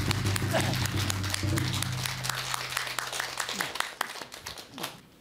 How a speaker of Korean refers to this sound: 용화 큰스님께서는 조계종 포교국장을 연임하시고 현재 포천 정변지사 주지를 맡고 계십니다. 이런 큰 박수로 맞이하겠습니다.